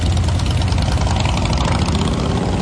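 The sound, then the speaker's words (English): Several motorcycle engines idle in a steady, loud, throaty rumble that holds without pause, heavy in the low end, with no voices, as bikers arrive early for the 86th annual Sturgis Motorcycle Rally. “And the 86th annual Sturgis Motorcycle Rally doesn't begin until tomorrow, but many bikers are arriving early.”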